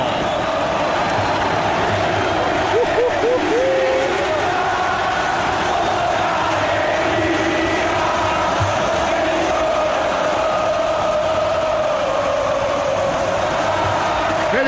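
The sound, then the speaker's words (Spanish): A huge football stadium crowd chants in unison for Boca, a loud continuous roar of many voices with sung, wavering tones rising over it, sustained steadily for about fifteen seconds. “Se eleva el grito por Boca.”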